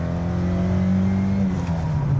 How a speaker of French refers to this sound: Allez, on va écouter un petit peu le chant de ce 1,6 litre, 110 chevaux.